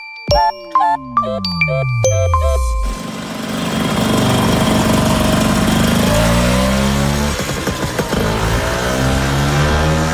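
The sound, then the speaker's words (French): A short tinkling jingle with sweeping falling tones gives way to a Vespa scooter engine buzzing and revving loudly, its pitch climbing and dropping repeatedly for several seconds. “Bon, les vrais de vrais vont peut-être reconnaître ce bruit qui, semble-t-il, en tout cas selon le fondateur, ressemblait à une guêpe.”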